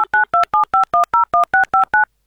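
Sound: telephone number being dialed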